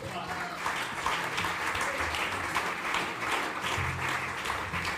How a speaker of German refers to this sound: Großen Applaus bitte